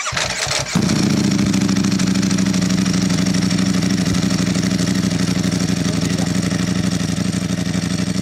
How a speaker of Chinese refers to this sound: 排气方向、品牌均与注册登记信息不符，现场打着火，巨大的轰鸣声震耳欲聋。